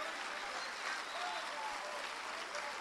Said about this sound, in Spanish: Amén. Un aplauso al Señor.